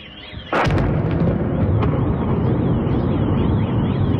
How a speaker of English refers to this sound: Explosions at an oil terminal in St. Petersburg after Ukrainian drone strikes just as the city hosts its flagship economic forum.